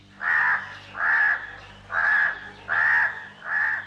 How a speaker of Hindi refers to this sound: पेड़ पर एक कौवा रहता था।